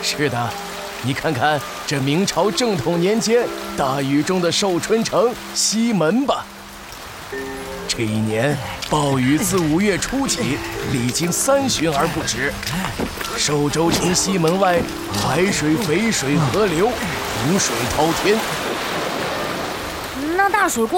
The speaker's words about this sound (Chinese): 这是明朝正统年间的大雨